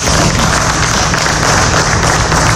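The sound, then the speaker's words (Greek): Relatives and friends applaud the Chania coroner as he leaves the courthouse escorted by police, with dense, steady clapping that stays loud and even throughout, with no voices standing out above it. “Συγγενείς και φίλοι χειροκροτούν τον ιατροδικαστή Χανίων την ώρα που αποχωρεί από το δικαστικό μέγαρο συνοδεία αστυνομικών.”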